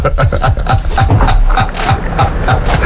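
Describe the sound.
A quick run of rhythmic pig grunts and oinks, fairly loud, repeating steadily over a busy, noisy background for a few seconds.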